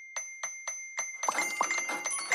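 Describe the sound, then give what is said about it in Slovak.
A bright payment notification ding, signalling an extra payout credited to a bank account, repeated: four evenly spaced metallic chimes ring out, then a quicker flurry of overlapping dings piles up over a sustained high tone, clear with no voices. “Je to cinknutie extra výplaty na účet.”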